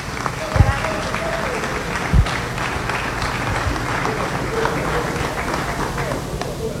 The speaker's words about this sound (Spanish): Lo que les quiero decir es que efectivamente es un ejemplo a seguir y sencillamente decir Dios le bendiga y un aplauso para ella y con ella la salud del Táchira.